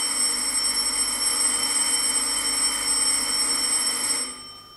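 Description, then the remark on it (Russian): A call bell, rung by the father, rings loudly and continuously with a steady, metallic buzzing tone, holding for about four seconds before cutting off abruptly into silence. “Кто это? Отец звонит.”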